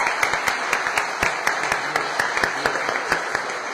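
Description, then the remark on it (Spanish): Steady applause from a crowd at the religious festival of the Virgen del Carmen in Cabildo, many hands clapping at once in a dense, continuous patter with sharper individual claps standing out, sustained at an even level throughout. “Y así que ahí a ella, la que es el centro, la que nos lleva a Jesús, yo creo que también merece un fuerte aplauso a la Virgen del Carmen.”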